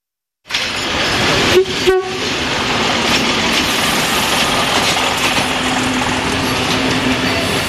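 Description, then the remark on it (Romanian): A Romanian passenger train rolls along the rails with a steady, loud rumbling roar, broken early on by a couple of sharp metallic clunks and a brief low squeal. No one speaks. “Unii dintre ei preferă trenul, însă la final regretă alegerea făcută.”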